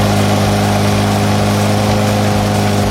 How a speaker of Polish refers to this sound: Kosiarka. A, to jest kosiarka. Od godziny 6 rano pod blokiem koszą trawę.